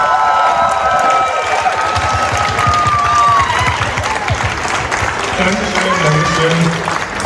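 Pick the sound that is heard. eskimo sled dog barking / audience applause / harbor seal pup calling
audience applause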